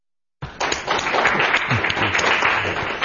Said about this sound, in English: We applaud first because it's all downhill from here.